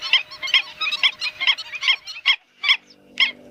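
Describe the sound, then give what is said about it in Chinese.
A colony of black-winged stilts in the breeding season calls in sharp, yelping notes. The calls come quickly and overlap at first, then thin out to a few loud, separate cries near the end. “与油鼻天鹅不同，进入繁殖期，黑翅长脚鹬开始了它们的集群生活。”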